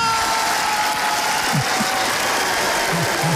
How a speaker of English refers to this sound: I think it's a car boot opening.